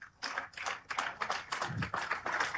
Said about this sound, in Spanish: Muy bien, fuerte los aplausos, mis hermanos.